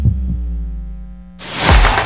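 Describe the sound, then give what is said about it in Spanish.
A pair of deep, muffled heartbeat thumps opens over a steady low hum, which then gives way to a loud, broad rushing swell. No one speaks. “Escuchar los latidos de la patria grande.”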